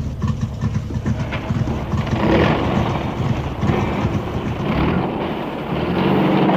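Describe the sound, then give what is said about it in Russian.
A heavy truck engine rumbles steadily, a dense low drone with rattling texture that holds at a constant loudness throughout as the truck rolls along a road. “Мы катим дальше.”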